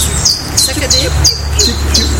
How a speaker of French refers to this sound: Alors, vous entendez un nouvel oiseau. Très facile à décrire.